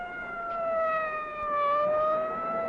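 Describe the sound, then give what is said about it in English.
A fire engine siren wails in a steady, sustained tone, its pitch dipping and rising slowly. It is fairly loud over a faint rumble, and nobody speaks. “Follow the fire engine.”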